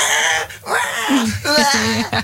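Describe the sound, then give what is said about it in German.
A person mimics a baby crying during a car ride, with a few short, wavering wails and whimpers separated by brief breaths, loud and fairly continuous over about two seconds. “Wenn euer Baby es auch hasst, Auto zu fahren und weint und schreit, dann versucht's doch mal mit einem Bild von euch.”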